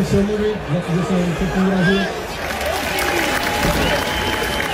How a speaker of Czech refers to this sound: Sklidil nakonec Jurásek od příznivců Sparty potlesk